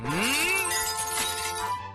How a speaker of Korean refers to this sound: 다음은 경적 소리로 유리창 깨기!